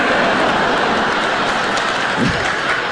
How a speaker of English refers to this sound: Yeah, you cheer, but I don't think you realize how that makes me feel.